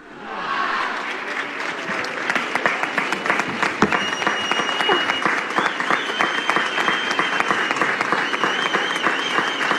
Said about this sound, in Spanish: Muchos aplausos escuchamos en la plaza del Ayuntamiento para Diana Verduf, pregonera de las fallas de este año 2026.